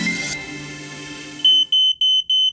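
A smoke alarm beeps loudly in a rapid, evenly spaced series of about five shrill, high-pitched tones, following a brief stretch of low background sound.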